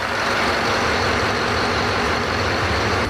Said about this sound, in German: Dieser Motor ist gar nicht der große Motor, ne? Sondern? Nein, das ist unser Bugstrahlrudermotor. Damit können wir das Schiff vorne nach Steuerbord oder Backbord,